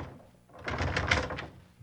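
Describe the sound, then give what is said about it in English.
A locked door is jiggled and rattled for about a second, a burst of rapid clattering knocks and clicks that fades back to quiet, with no voices. “Here, let me try that door.”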